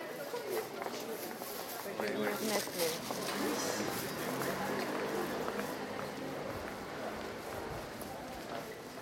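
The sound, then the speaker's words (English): Footsteps of several people walking along a busy street, steady shuffling steps mixed into a dense outdoor ambience with indistinct voices murmuring and traffic rumbling underneath. “We can hear that there are some people walking on the street as well.”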